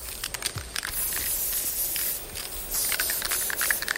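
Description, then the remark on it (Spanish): An aerosol spray paint can hisses in a series of short bursts followed by longer sustained sprays, fairly loud, with a faint rattle between them and no voices. “J'ai décidé de cracher ma haine comme un spray, une bombe à fat cap d'un seul train.”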